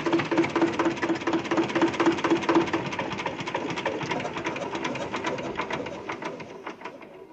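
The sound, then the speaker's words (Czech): A tractor engine chugs steadily with a rapid, regular mechanical beat, loud, then fades slightly toward the end. No voices. “Ale chalupa už byla celá v kaši a na návsi byl takový kopec, že lidi ze vsi museli projíždět cestu traktorem.”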